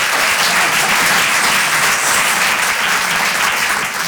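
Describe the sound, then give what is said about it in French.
An audience applauds a comedian's joke for about four seconds, a dense, loud wash of many hands clapping with no pauses and no voices on top. “Ah, vous hésitez à applaudir, hein, vous êtes ravis.”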